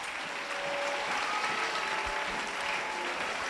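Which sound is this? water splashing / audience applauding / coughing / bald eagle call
audience applauding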